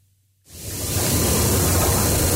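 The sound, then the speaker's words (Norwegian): After a brief near-silence with a faint low hum, a loud, steady radio static hiss abruptly fills the sound and continues unbroken to the end, with no voices. “Radio sus. Sus, sus.”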